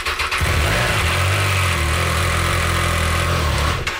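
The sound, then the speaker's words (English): The engine of a Triumph 660 Sport light touring motorcycle catches and settles into a steady, loud, rumbling idle, a low throbbing drone that holds for several seconds with no talking. “Why don't you fire it up?”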